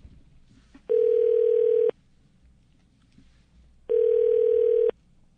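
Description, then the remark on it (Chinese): A telephone ringback tone sounds twice as a radio show at Cheng Sheng Broadcasting phones a guest, each steady one-second buzz followed by a pause of about two seconds, loud and clear over a faint hum of background noise. “好，电话通了啊。”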